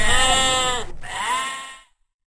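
A sheep bleats twice in quick succession, loud, the first cry long and wavering, the second slightly shorter, with no other sounds around it.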